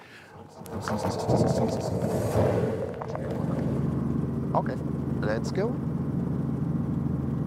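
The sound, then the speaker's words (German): A small Robinson helicopter engine revs up into a loud, steady droning rumble with a low harmonic hum, while a few short spoken words come over the noise. “So, jetzt wird er langsam weich, der Hubschrauber.”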